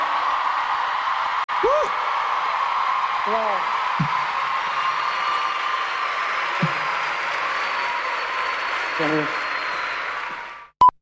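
A crowd applauds steadily for about ten seconds, a dense wash of clapping with a few whoops and shouts rising above it, before it cuts off sharply.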